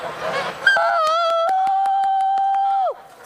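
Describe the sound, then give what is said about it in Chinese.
A flock of farmed geese honks noisily at strangers, then a long, steady, high-pitched call rings out over brief honks for about two seconds before sliding down and giving way to near silence as the geese are quieted by their keeper's command. “这是大宝贝在欢迎你们了，你听到他们的声音了吗？嘎嘎的是吧？”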